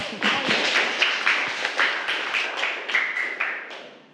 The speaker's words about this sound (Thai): ใส่ซ่อนได้ ใส่ซ่อนได้เก่งมากนะคะเอาปรบมือให้เพื่อนค่ะลูก